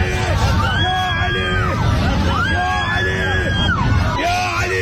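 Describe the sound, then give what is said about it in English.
Passengers on a plane that hit a bump, with overhead compartments coming down, scream and wail in panic, overlapping cries rising and falling in repeated waves over a loud, continuous hubbub of agitated voices. “Right, the screaming helps.”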